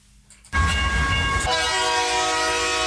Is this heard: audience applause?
no